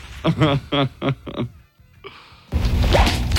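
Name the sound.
whip cracking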